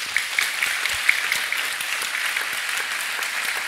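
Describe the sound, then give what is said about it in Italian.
Steady applause from an audience greeting a guest fills the whole stretch, a dense wash of many hands clapping at an even level without pauses or voices on top. “L'altro ospite che saluto e vi chiedo di salutare con un applauso”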